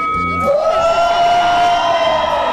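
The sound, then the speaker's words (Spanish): A loud live audience at a radio station's anniversary event in the Valley of Mexico erupts in shouting and cheering, a sustained rising roar of many voices with a high whoop standing out, continuous for a couple of seconds. “Un grito, señores, de toda la gente hermosa del Valle de México de Cristal 103.7.”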